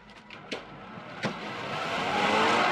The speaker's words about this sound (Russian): Бежит к машине. Садится. Поехали.